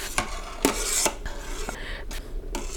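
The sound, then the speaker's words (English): A spoon scrapes and taps against a pot about six times at an uneven pace over a steady low bubbling of boiling chana dal lentils as foam is skimmed off. “So now you can see the water is boiling in the chana dal. And this is where I'm going to be skimming it off.”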